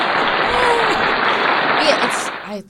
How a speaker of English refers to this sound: Shouts out to everybody celebrating Pride Month. Happy Pride Month! Happy Pride. Here, we'll give the round of applause there.